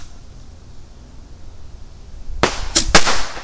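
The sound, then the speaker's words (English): Two bottle rockets fire from a launch tube with a sudden sharp bang, quickly followed by two more crackling pops, after a stretch of quiet low rumble. “It's true that I am a fireworks advocate. What's funner than fireworks?”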